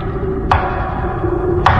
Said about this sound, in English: Then came the same measured knocks I had heard before.